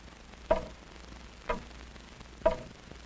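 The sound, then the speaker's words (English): A big clock in a hall ticks slowly and steadily, three distinct resonant clicks spaced about a second apart, heard alone against a faint hum. “The big clock in the hall went on ticking off its even measure of time.”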